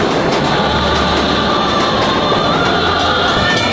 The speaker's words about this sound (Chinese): 长这么大，第一次坐这么久的火车